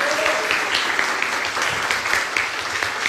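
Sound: audience applause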